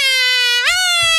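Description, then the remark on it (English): A voice imitates a siren, played as sound number 8 in a sound-guessing quiz, with a loud, sustained, strained tone that holds steady, then rises in pitch partway through and continues at the higher level. “No, not the siren. No, that's the siren.”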